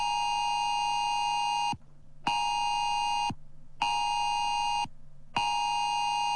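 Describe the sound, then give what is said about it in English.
A loud, harsh emergency alert tone from a mobile phone, a drill of the government's new national phone alert system in Australia, blares in repeated long pulses, each lasting over a second with brief silent gaps between them, with no voices. “It's a drill, as it will be on Monday when the government tests the new Oz alert system.”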